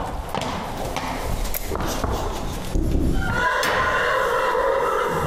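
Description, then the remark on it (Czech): A horse at the National Stud in Kladruby nad Labem neighs loudly, a drawn-out whinny rising over a rustling, clattering yard background, with scuffs and thuds before it. “Cíle zajistit té nejcitlivější kategorii našich koní, což jsou březí klisny a kojící klisny, optimální prostředí.”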